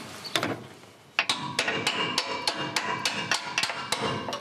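A hammer knocks repeatedly on a stuck metal bolt, more than a dozen sharp, ringing clangs in a fairly steady rhythm after a brief pause, each blow loud and bright with a metallic ring.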